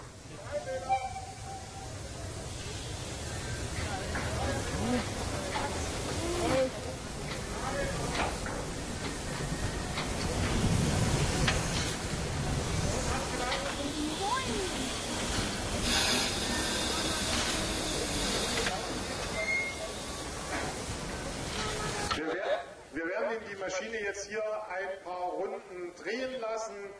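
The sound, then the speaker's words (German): A steam locomotive's cylinder valves vent with a loud, sustained roaring hiss of steam for over twenty seconds, reheating the cylinders with steam to clear condensate after the locomotive has stood for a long time, before it cuts off and a voice talks briefly. “Und wenn eine Dampflok lange stand, werden diese Ventile bedient, der Zylinder nochmal mit Dampf erhitzt, sodass es dort kein Kondenswasser mehr drin gibt und Schäden am Zylinder vermieden werden.”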